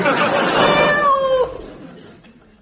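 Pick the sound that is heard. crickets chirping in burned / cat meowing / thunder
cat meowing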